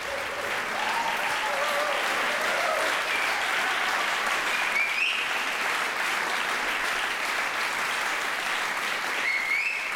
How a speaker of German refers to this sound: Und dieser begeisterte Beifall in der Orangerie in Herrenhausen gilt der NDR Radio Philharmonie und ihrem ersten Gastdirigenten Jörg Wiedmann. Sie hören dieses Konzert der Kunstfestspiele Herrenhausen hier bei NDR Kultur.